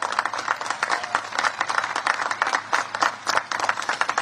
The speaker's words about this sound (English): So let's give a big round of applause to the entire faculty and staff that made this possible.